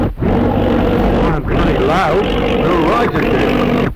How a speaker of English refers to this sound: Oh, it's an aeroplane right overhead. Oh, look, Dad. It isn't often we see a plane up here. It sounds to me as if there's something wrong with it.